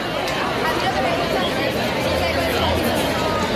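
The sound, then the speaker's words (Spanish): Dense crowd chatter from a nighttime housing protest camp in the Plaza de la Constitución in Málaga, Spain. It is a steady, continuous babble of many overlapping voices, with no single speaker standing out, holding an even loudness throughout. “Así está sonando esta noche la Plaza de la Constitución.”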